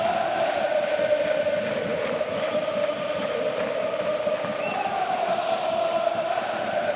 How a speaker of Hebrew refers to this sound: איזה עידוד, תראה, תשמע את הקהל.